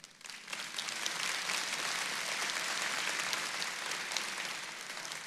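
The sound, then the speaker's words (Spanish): A church audience breaks into sustained applause for the news of a baptism of many people in a lake, a dense wash of many hands clapping that swells quickly and holds steady for several seconds, with no voices over it. “Eso merece un aplauso.”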